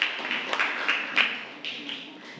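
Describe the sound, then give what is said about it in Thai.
A class claps for group 3 after its correct answer in a Thai language quiz: a steady patter of sharp, overlapping slaps lasting a couple of seconds, with a few louder claps standing out before it gradually thins and softens. “ถูกต้องหรือไม่บรรยายโวหารถูกต้องค่ะปรบมือให้กับกลุ่มที่3ด้วยค่ะ”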